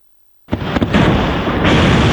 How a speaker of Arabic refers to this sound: هجوم روسي متصاعد بصواريخ باليستية ومسيرات يخلق نهارات دامية متتالية بالأراضي الأوكرانية. دوي انفجارات تهز العاصمة من منطقة هولوسيفسكي إلى بلدة فيشنيف إلى مستودعات منطقة بوتشا.